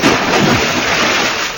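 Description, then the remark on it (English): Steady, dense, loud wash of splashing water played from a sound-effects record, like heavy rain or a pouring stream, filling the whole short stretch with no voices present. “Remember, only genuine water makes this sound.”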